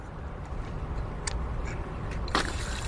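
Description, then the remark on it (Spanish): Water runs steadily from a building's maintenance spigot (a water shutoff tap), a continuous hiss and rush with a couple of brief splashy bursts near the end; no one speaks. “Y ahora tenemos agua.”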